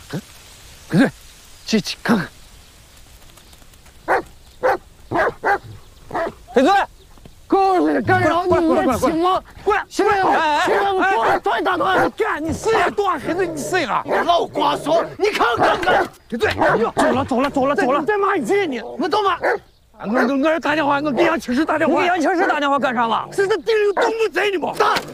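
A dog barks nearby: a few sharp, separated barks at first, then a long stretch of loud, almost continuous barking and yelping with only brief pauses.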